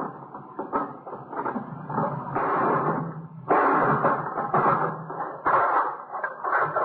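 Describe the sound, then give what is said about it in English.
A hammer repeatedly strikes a locked box to break the lock, giving a string of loud, clattering knocks and rattles in irregular bursts, with sharper, heavier blows landing toward the end. “Let me give you that hammer. Yeah. You gonna break the lock?”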